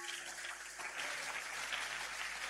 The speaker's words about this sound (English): If you are clapping, clap it. Oh, do it.